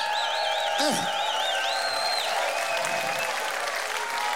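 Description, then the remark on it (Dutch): A large audience at the Haags Beach Festival in The Hague applauds steadily and loudly, with dense continuous clapping, scattered cheers and a few shrill whistles rising above the noise. “Dan mag je ook wel even hun applaudisseren, jongens.”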